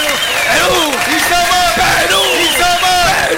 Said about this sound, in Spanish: Un aplauso para ustedes, gracias.